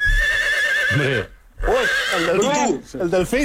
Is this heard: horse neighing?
yes